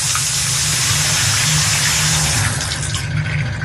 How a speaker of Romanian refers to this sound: Dau drumul la apă caldă, dar bineînțeles că vine rece.